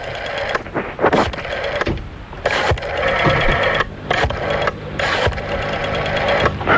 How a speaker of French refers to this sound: Et on y va, c'est parti, on est en train déjà de composer le numéro de téléphone. Voilà qui est en train de se faire.